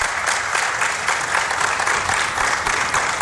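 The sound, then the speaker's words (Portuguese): Steady, sustained applause fills a press conference room for Lionel Scaloni, a dense wash of many hands clapping at once, fairly loud, with no voices rising above it. “E aí recebe os aplausos lá na sala de coletiva.”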